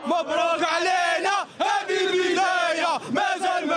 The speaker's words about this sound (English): Listen to the crowd. It's as if Morocco has won the World Cup.